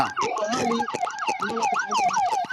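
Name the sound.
police car siren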